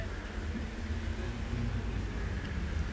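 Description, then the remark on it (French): Steady low-pitched engine rumble of several cars moving off together in city traffic on Boulevard Saint-Germain, a continuous dense roar with no break, moderately loud. “Boulevard Saint-Germain, départ des voitures.”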